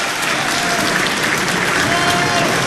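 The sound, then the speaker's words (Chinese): A loud, steady burst of audience applause, dense clapping from many hands sustained evenly throughout with no voices standing out, at a live crosstalk (comic dialogue) performance commemorating the 70th anniversary of Zhao Zhenduo's birth. “谢谢，谢谢这么热情的观众朋友。”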